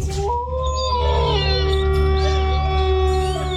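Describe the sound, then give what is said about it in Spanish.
A long, loud wolf howl with a sliding, wavering pitch, held for several seconds over a steady humming drone, continuous with no talking; part of a radio station's ident. “Lobo 97.7. Poniéndole sabor a tu día desde el primer aullido.”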